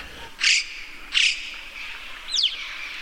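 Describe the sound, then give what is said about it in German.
Two breathy, hissing bursts about half a second apart, followed by a quick rising-and-falling whistled call, all from a mountain crow-like bird against a soft background hush. “Ganz anders als unsere Krähen ist es dann eher so ein Pfeifen und witziges Zischen und andere Laute.”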